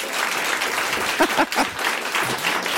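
An audience applauds steadily for about three seconds, a dense, even wash of many hands clapping at constant loudness, with a few brief vocal whoops rising out of it midway.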